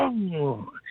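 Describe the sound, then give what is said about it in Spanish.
A voice imitates a car transmission: a one-second whining vocal tone that slides down in pitch, then breaks into a brief, higher, wavering whir. “A ver, ¿cómo suena? ¿Tu transmisión suena así?”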